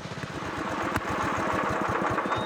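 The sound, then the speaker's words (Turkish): A rock crusher's engine chugs with a rough, rapid knocking rhythm, running steadily and fairly loud throughout, with no voices, as it overheats from friction and seizes up. “Sürtünmeden dolayı aşırı ısındı ve tamamen kilitlendi.”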